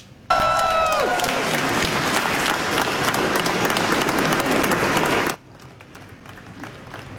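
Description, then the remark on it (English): A burst of applause with cheering erupts and holds steady for about five seconds, dense clapping loud throughout, with a brief high whoop at the start, then cuts off abruptly to quiet murmur, as peers in Germany celebrate Pillay when news of her award broke. “Pillay is in Germany and was celebrated by her peers when the news broke.”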